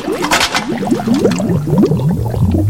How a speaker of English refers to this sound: A waterfall, a waterfall.